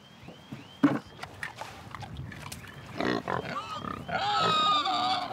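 Pigs grunting and snorting in irregular bursts, with a loud grunt early on and higher squeals rising toward the end, mixed with rustling and shuffling noises.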